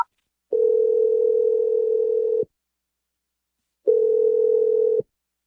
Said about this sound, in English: I'm going to dial his number right now. Okay. Hopefully he answers, but let's do it.